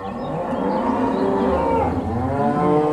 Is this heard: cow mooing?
yes